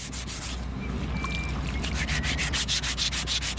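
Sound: filing a stone sculpture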